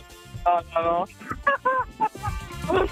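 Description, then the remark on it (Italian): A person on holiday in Sardinia imitates a rooster crow: a loud string of strained, nasal, cackling syllables with rising and falling pitch, delivered in quick bursts over about three seconds, with no other talking. “Cos'hai fatto? Il verso del gallo?”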